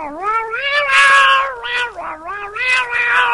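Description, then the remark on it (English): A fisherman's cat, tossed a fish, meows loudly in a long, drawn-out wavering yowl that rises and dips in pitch over a few seconds, with no talking. “Then a fisherman caught the fish and tossed it to his cat.”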